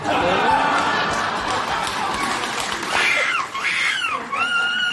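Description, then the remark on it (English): A person loudly imitates a seagull at a seagull screeching championship, letting out shrill, wavering screeches with rising and falling cries, while faint crowd noise and splashing carry on in the background. “New world, the winner of the European Seagull Screeching Championship must be referred to as the loser.”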